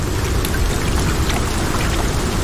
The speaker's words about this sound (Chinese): 大部分动物都在暴风雨中躲了起来。